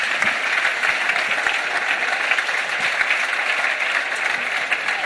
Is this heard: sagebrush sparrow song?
no